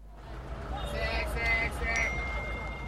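A short phone notification chime of a few bright, ringing electronic tones in quick succession, sounding over a steady low background rumble.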